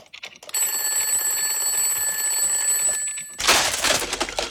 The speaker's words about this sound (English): Did you just break the alarm? I just broke the alarm.